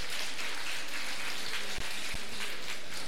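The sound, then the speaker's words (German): Steady, dense applause for radio listener figures of 2.4, 2.9 and 3.1 million, a continuous wash of many hands clapping with no individual claps standing out, holding an even level throughout with no voices over it. “Ist Applaus, ein Applaus wert natürlich.”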